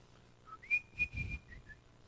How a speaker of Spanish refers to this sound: Yo estaba niño, recién convertidito, tenía como 12 años. Y venía del colegio silbando alegre una canción.